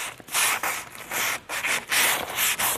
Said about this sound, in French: Dernière finition sur un escabeau en bois. Muni de papier de verre